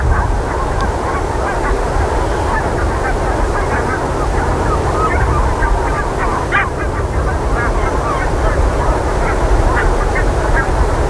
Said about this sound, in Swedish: Nu har ju vinden ökat och också ändrat riktning, så den ligger på syd, blåser ungefär 5 meter per sekund. Och är lite, trots det, helt stjärnklart fortfarande. Och lite liksom fukt i luften.